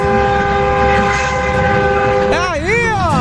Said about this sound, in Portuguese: Brasil inteiro buzinando na Band FM. Ah, rapaz, eu fiz questão de trazer esse buzinaço pra Band também.